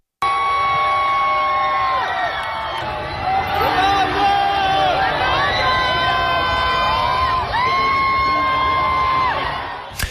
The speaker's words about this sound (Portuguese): dezenas de pessoas a gritarem no momento em que Cristiano Ronaldo, Diogo Dalot e Francisco Conceição foram à janela acenar